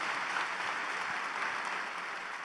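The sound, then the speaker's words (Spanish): An audience applauds for God and for the lives of some pastors: a dense, even wash of many hands clapping at a constant moderate level for the whole stretch, with no voices standing out. “Un aplauso a Dios por la vida de estos pastores, amigos.”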